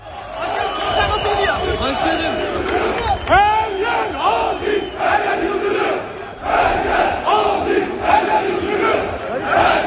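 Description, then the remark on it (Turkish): A large crowd chants 'Her yer Aziz, her yer Yıldırım' in unison as the Fenerbahçe president is elected, joined by a man, loud and sustained throughout, with repeated rising shouts and a dense roar of many voices. “… de her yer Aziz, her yer Yıldırım tezahüratlarına eşlik ediyordu bu şekilde.”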